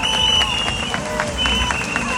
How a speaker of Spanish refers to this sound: Un fuerte aplauso para ella y para sus hijas.